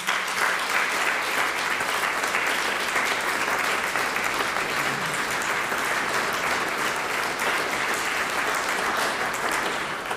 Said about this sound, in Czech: a tak vás poprosím o potlesk právě pro ní